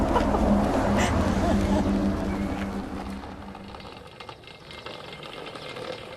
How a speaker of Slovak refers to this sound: Ide autobus.